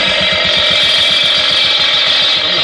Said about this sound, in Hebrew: תפסיק רגע את המכונה.